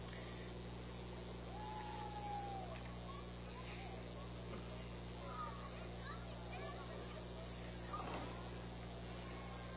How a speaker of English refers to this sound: And right behind them, we have a 60 Impala. Letting the engine sing a little bit here,